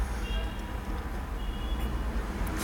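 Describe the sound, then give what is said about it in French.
A steady, low rumble of street traffic on Boulevard Saint-Germain, with the heavy engines of vans, a truck, a taxi and cars droning on continuously at moderate loudness. No single vehicle stands out clearly as it passes. “Une camionnette, pavaillée, four et machine pour l'alimentation. Un camion Prado et Morin. Un taxi.”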